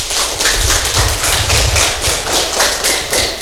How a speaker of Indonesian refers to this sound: Dan kali ini pendengar, kita akan bersama dengan adik-adik atau teman-teman kita dari SDM Preste Tandara ND. Kita kasih tepuk tangan yang meriah dulu.